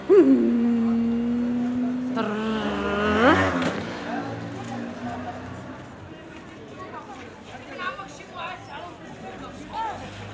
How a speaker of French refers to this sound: À l'ancienne médina. Il y a beaucoup de motos. Il y a première chose que j'aime pas, c'est les mobilettes.